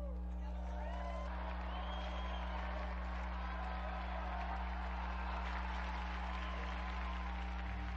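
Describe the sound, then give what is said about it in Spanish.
A crowd applauds steadily for several seconds in honour of Blessed Bartolomé Gutiérrez and Saint Brocard, a dense wash of clapping with scattered cheers, soft over a low background hum. “Unidos, pues, a la Iglesia de México y a la Orden Carmelitana, brindemos nuestro vivo aplauso al beato Bartolomé Gutiérrez y a San Brocardo.”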